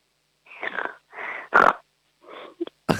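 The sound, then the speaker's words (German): A person imitates a small piglet's grunting with a run of short, snorty, nasal bursts, about six of them, fairly loud, with brief pauses between. “Dann hätte ich jetzt gerne, dass du mal grunzt wie ein kleines Schweinchen.”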